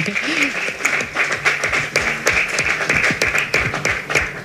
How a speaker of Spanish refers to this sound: Así que, bueno, felicidades, y yo les pediría pues un aplauso